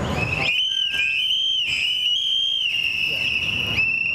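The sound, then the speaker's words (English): A crowd in New Haven blows many whistles at once, a tool to warn others of ICE activity, while commemorating two men killed by ICE agents: a shrill, sustained high-pitched chorus, the tone wavering slightly and briefly dipping a few times, loud and continuous over a low crowd rumble. “calls on the crowd to blow into their whistles, a popular tool to warn others of ICE activity, as they commemorate two men recently killed by ICE agents across the country.”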